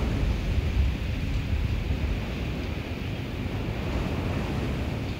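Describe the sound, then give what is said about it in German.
Storm surge floodwater about 5 meters from a house churns with a steady, heavy roar, deep rumbling surf under a constant hiss of wind buffeting the microphone, loud and unbroken throughout, with no voices. “Wenige Meter vor der Haustür ist das Wasser stehen geblieben.”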